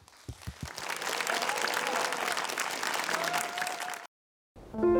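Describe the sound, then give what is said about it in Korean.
A crowd bursts into sustained applause with scattered cheers and whoops over about four seconds, opening with a few sharp claps, welcoming a team's stage performance on a show, then cuts to silence before a short burst of music. “그 무대 여러분의 취임새와 박수로 청해보도록 하겠습니다.”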